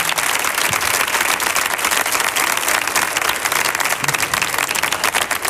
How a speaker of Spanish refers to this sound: Si aplaude uno, aplaudimos todos, porque días no bajáis, ¿eh?